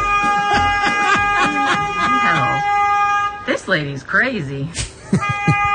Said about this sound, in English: Somebody's honking the horn at the kid? Yeah. So honking the horn at the kid.